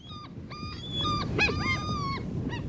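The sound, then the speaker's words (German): Several people imitate screeching seagulls at the 6th European Seagull Screeching Championship in Panne on the Belgian coast, their high, wavering cries overlapping in quick succession over a steady crowd murmur, loud. “Denn in Belgien, da fand in der Panne, das ist im Küstennorden in Belgien, die 6. Europameisterschaft in Möwenkreischen statt.”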